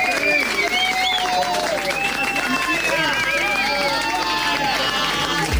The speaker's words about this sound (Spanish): ¡Aplauso fuerte